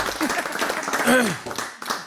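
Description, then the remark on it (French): An audience applauding a speaker before his presentation: a steady crackle of many hands clapping at once, with a few voices calling out and a brief rising cheer partway through. “On l'applaudit, s'il vous plaît.”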